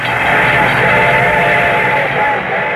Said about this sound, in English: The train was coming closer. I could hear its bell ringing and the cry of its whistle.